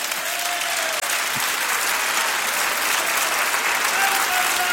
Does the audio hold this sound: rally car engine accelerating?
no